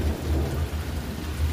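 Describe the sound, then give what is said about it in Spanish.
A sudden downpour: heavy rain pours down steadily in a dense, hissing wash, with a deep low rumble underneath like thunder rolling through the storm. No voices are heard. “Se vino el agua, primo Sergio, mira nada más.”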